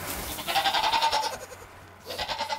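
young goats bleating

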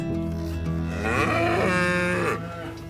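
cows mooing

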